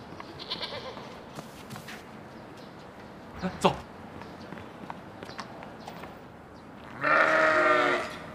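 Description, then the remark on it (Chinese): Among four of the village committee's sheep, one male and three female, a sheep lets out a loud, wavering bleat near the end, preceded by scattered softer animal calls and a sharp bleat midway, over a low rustling outdoor background. “啊，一只公的，三只母的，没错啊，这就是村委会丢那几只羊。”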